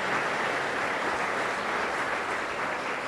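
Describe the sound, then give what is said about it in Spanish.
An audience applauds the King of Kings, Lord of Lords together, a dense, steady wash of many hands clapping that holds at an even loudness throughout with no voices standing out. “Que sí o que no, le damos un fuerte aplauso al Rey de Reyes, Señor de Señores.”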